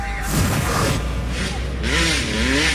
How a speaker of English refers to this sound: To the dirt bikes revving in the streets.